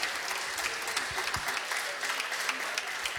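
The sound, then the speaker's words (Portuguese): A church audience applauds steadily with hands raised above their heads, glorifying Jesus and welcoming pastor Milton de Almeida, a dense wash of many hands clapping at once, sustained and lively for the whole few seconds with no pauses. “Agora com as mãos ainda acima da cabeça, glorifiquem a Jesus e recebamos o nosso pastor Milton de Almeida com as palmas bem alegres e avivadas para o Rei da Glória.”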